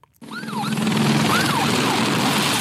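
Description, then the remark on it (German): Emergency sirens wail in repeated rising and falling sweeps over a loud, steady roar of firefighting aircraft engines, helicopters and fire-engine water pumps during wildfires in France, starting abruptly and staying intense throughout. “Die Sirenen, Motoren von Löschflugzeugen, Helikoptern und den Wasserpumpen der Feuerwehrfahrzeuge.”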